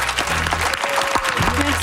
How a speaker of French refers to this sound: Est-ce qu'on peut applaudir bien fort Marc Hervieux et Raphaël Roy qui ont été parmi nous dans cette dernière heure d'émission?